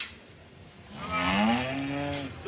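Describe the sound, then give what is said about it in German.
A cow among feeding cows gives a single drawn-out moo, a low, rising bellow that swells and holds for about a second before fading, with faint outdoor background noise and no voices. “Eigentlich wollte ich gerade eine Kuh interviewen.”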